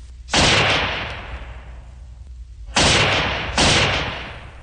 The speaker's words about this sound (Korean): 갑자기 귀척을 찢는 듯한 총소리가 울리며 총알이 머리 위로 지나갔다.